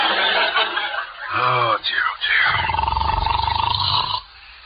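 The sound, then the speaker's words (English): A short guttural snort, then a long, loud, buzzing snore with a rapid fluttering rasp that holds steady for about two seconds before stopping. “must you start snoring as soon as you close your eyes?”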